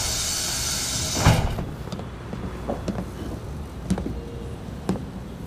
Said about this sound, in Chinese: 开门